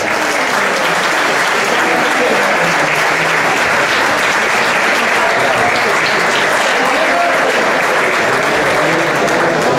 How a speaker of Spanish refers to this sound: Así que, a mi señal, empezamos a contar desde tres. Tres, dos, uno. ¡Adelante! ¡Fuerte aplauso!